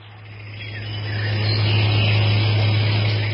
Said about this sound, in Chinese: 11月15号拂晓，萧德轩刚起来，就听到马达轰鸣声自远而近。透过蒙蒙的薄雾，他影影绰绰地看到三辆坦克正缓缓地开到了本团的阵地前。